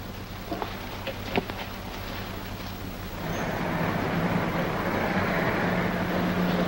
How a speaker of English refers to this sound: there's a police car passing the house, and it's going very slow.